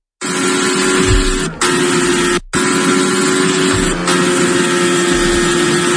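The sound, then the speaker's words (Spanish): Fernando Alonso's Formula 1 single-seater roars loudly and steadily on its first laps of the new Madrid circuit at the Spanish Grand Prix, a harsh high-revving drone that cuts out for a split second partway through before resuming. No one speaks. “Esto que escuchas es el sonido del monoplaza de Fernando Alonso.”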